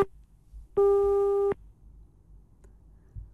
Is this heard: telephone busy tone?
yes